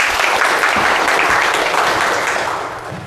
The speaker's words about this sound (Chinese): 那么接下来呢就请我们蜘蛛打理小组代表啊给我们说一说他们的方案，大家掌声欢迎。